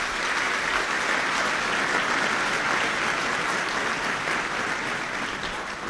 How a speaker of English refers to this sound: Please give them all a round of applause.